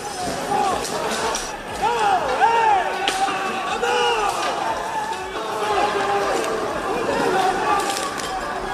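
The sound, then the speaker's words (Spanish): A chaotic street brawl in Seville involving supposed Levante football fans, hooded and dressed in black, with sticks, baseball bats and firecrackers, chairs and street furniture flying: many men shouting and yelling over one another, with scattered thuds, slaps and running footsteps in a dense, continuous outdoor din. “Gente encapuchada, vestida de negro, con palos, bates de béisbol, petardos y una batalla campal.”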